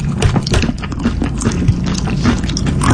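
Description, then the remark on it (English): Loud open-mouth chewing with wet lip smacks, a rapid, irregular run of sticky clicks that continues without pause, thick and busy, with two chewing soundtracks playing at the same time. “I get it. You're enjoying your meal. Do it quietly.”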